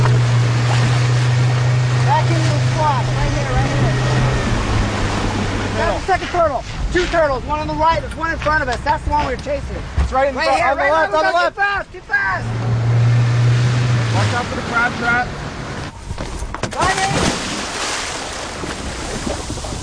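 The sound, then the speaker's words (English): A boat engine drones over wind and rushing water on open sea off the coast of Florida, with excited voices of scientists calling out and a sudden splash as a scientist plunges into the water to grab a turtle for tagging and monitoring. “That is the glorious sound of a scientist jumping into the water to grab a turtle for monitoring.”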